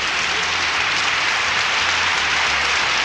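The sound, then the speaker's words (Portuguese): A crowd claps steadily for a few seconds in birthday congratulations, a dense, even wash of many hands applauding together with no voices standing out. “Parabéns, mais palmas, oi.”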